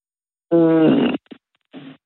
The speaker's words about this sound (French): Bon, maintenant, la question vache, avec notre vachette qui va s'amuser à meugler pendant une chanson.